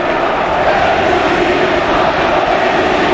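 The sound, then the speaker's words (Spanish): A stadium crowd roars in a sustained ovation for Erika, Antoine's wife, a dense, loud wall of cheering and applause that holds steady for about three seconds with no single voice standing out. “Ovación a Erika, a la mujer de Antoine”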